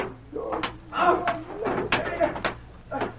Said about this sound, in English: Open that door, won't you, Sheriff?